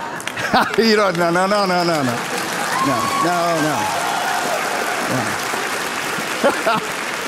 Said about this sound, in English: Thank you for that smattering of applause there.